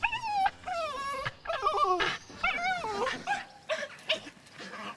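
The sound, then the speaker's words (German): An excited farm dog named Kyra whimpers and yips in quick, high-pitched bursts, fairly loud, with whiny pitch swoops and short pauses between cries, as the cattle are let out. “Und der Hund freut sich auch. Der ist auch immer ganz aufgeregt, wenn die da rauskommen.”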